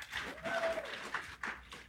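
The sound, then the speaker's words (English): An audience claps in a dense, steady patter for about two seconds, fairly soft overall, with a brief high whistle-like tone rising over the applause. “Oh, 4 weeks. Yeah, clap.”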